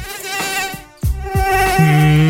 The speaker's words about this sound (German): Ja, die Mücken haben gerade Hochsaison in den Schlafzimmern in München und der Region.